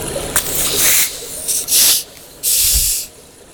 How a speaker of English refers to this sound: Okay, so we'll uncork these together. Okay, we have 3, 2, 1.